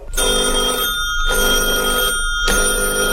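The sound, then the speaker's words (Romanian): A bell rings three times in a row as a visitor rings before entering, each a loud, sustained, bright electric ring lasting about a second, separated by brief pauses. No one speaks. “Păi n-ați spus să sunt de 3 ori și să intru? Am sunat.”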